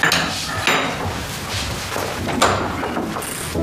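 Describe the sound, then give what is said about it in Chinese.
A door is knocked on by a visiting mother and opened, with a few sharp raps spaced apart and a clattering, thudding handling noise in between. No one speaks. “哎，来人，老开门去。”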